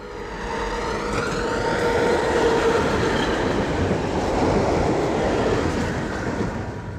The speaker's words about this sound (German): Wenn man mit der Straßenbahn durch Halberstadt fährt, ziehen romanische Kirchen und Plattenbauten an einem vorbei. Und mit Worten und Klängen von John Cage, Komponist. Ich kann das Geräusch der Straßenbahn nicht ändern, aber ich kann es schön finden.